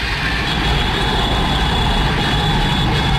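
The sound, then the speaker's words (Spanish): Loud, unbroken roar of cars passing along a busy London street, with Arsenal fans honking to celebrate the Premier League win, a dense rumble of engines and tyres with a thin sustained high tone running through it, no voices. “Uno de los bares, uno de los pubs de Londres, los bares de Londres, con todos los carros que van pasando alrededor, claro, hinchas del Arsenal que van pitando.”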